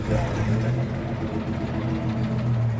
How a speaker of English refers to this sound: It's a sight not too uncommon for fans of one of Australia's most successful films, a dusty safari truck packed with Aussie actors driving through an outback town.